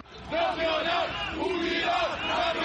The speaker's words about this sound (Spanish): En pleno siglo XXI en España se siguen realizando manifestaciones franquistas con simbología y gritos en favor del dictador.